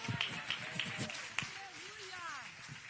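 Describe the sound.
An audience claps their hands for King Jesus in a steady, fairly quick rhythm, with raised voices and whoops rising over the clapping partway through.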